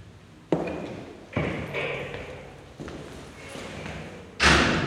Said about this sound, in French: Porte ouverte.